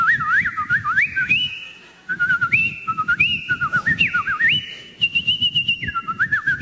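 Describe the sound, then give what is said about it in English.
A person whistles an imitation of garden birdsong heard in the morning: warbling, sliding phrases with quick trills, repeated without pause, loud, over a low pulsing rumble. “I'm laying in bed and all I can hear out in the garden is the merry song of every bird in the bird kingdom.”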